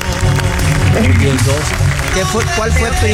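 A studio audience applauds a guest for earning degrees in interior design and psychology, clapping steadily for a few seconds, a dense, loud wash of clapping with a low musical or vocal hum running underneath.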